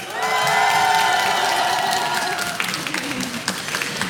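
An audience bursts into loud, sustained applause with high-pitched cheers and whoops over the top for the first few seconds, then the clapping carries on steadily as the shouting fades.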